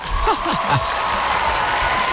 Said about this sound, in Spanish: ¡Un fuerte aplauso para esta pareja que está enamorada!